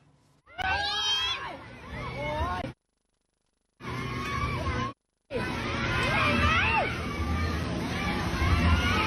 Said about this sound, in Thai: อีกจุดหนึ่งไปดูกระบะขับฝ่าน้ำแล้วเกิดอะไรเกิดคลื่นซัดมอเตอร์ไซค์ที่จอดอยู่ข้างทางล้มระเนระนาดครับ